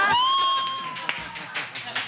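A bright sustained musical tone rings out and fades, then an audience starts clapping in scattered, rising bursts of applause.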